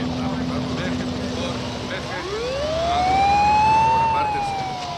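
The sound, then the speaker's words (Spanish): Police car and fire engine sirens wail over a low street rumble outside a smoking gym, one tone sweeping upward from midway and holding high and loud before starting to dip. “Fuera del gimnasio humeante hay coches patrulla y bomberos.”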